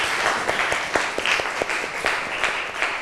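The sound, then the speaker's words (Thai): A group of students in a classroom claps steadily for a classmate for a few seconds, a dense patter of many hands with some louder individual claps standing out, fairly even in volume throughout with no talking. “โอเคอ่ะปรบมือเพื่อนหน่อยค่ะ”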